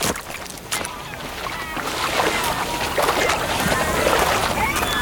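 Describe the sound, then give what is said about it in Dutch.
A small boat runs aground on a beach in shallow water, with steady sloshing and splashing and a few sharp knocks and scrapes as someone jumps out into the water. “Nou, we lopen nu een beetje vast op het strand. Ik denk dat we nu maar... Ja, ik spring eruit, joh.”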